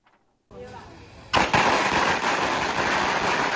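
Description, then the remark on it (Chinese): A string of firecrackers goes off, a dense, continuous rattle of sharp pops and crackles that starts with a hiss, then bursts louder and keeps going without pause, as a red honour list is posted on a family's door after the Hualien pomelo (wendan) gold medal evaluation. “鞭炮噼里啪啦响，红榜直接贴上家门。”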